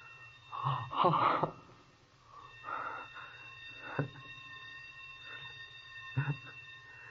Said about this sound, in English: That was the bell back in the basement. The day engineer turned off one of the sprinkler alarms.